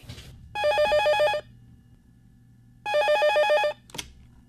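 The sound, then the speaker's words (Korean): A telephone rings in two clear bursts of rapid bell trills, separated by a pause of about a second and a half, as a woman calls her husband. A short click follows, with quiet low background hum throughout. “죄책감을 느낀 나머지 저는 남편에게 전화를 걸었습니다.”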